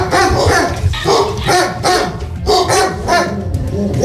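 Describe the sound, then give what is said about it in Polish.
Several dogs bark loudly and continuously at the municipal shelter for homeless animals in Opole, their overlapping barks forming a dense, echoing chorus with rapid repeated bursts, with no talking. “Tylko w ostatnich tygodniach w opolskim schronisku znacząco wzrosła liczba psów i kotów wymagających opieki.”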